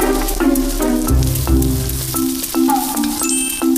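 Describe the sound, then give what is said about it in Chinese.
Hot oil poured over food sets off a steady, crackling sizzle that hisses without pause for about four seconds, with a light melodic tune playing beneath it. “对，浇上去就好了。”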